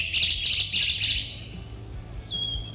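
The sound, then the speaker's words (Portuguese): A busy chorus of small birds chirping and twittering together, dense high-pitched calls overlapping for about a second and a half, then thinning to a single thin whistle over low background rumble. “Eita, passarinhada aí, hein?”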